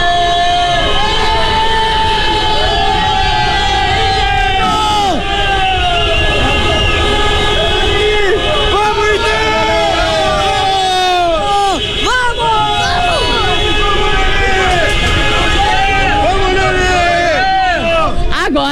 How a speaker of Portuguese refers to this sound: agora o torcedor tava aqui no estacionamento e eu quero ouvir mais uma vez a buzina pro gol do Inter pra essa vitória que vai iniciar nossa recuperação.